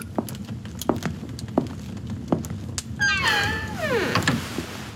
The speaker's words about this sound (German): Mit einem durchdringenden Blick und einem nicht zu deutenden Lächeln schloss Graf Dracula die Tür und ließ mich allein.